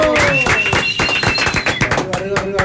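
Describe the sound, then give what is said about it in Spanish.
A short burst of loud, rapid clapping from a small group welcoming visiting musicians, with a few high voices whooping and cheering over the applause. “Venga, el aplauso, muchachos.”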